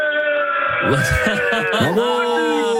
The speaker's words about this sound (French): Les rugbymen, on est sur Europe 1. Est-ce que vous pouvez crier pour votre équipe,